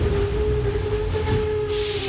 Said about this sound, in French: Tout d'un coup, le métro s'est arrêté. Le métro a freiné brusquement et déséquilibré les passagers qui se cognent les uns aux autres